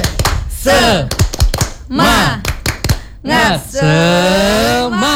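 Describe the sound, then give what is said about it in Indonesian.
A rhythmic 'tepuk semangat' hand-clapping routine: sharp claps land in quick patterned bursts while voices chant along between them, ending on one long, drawn-out sung note. “Tepuk semangat.”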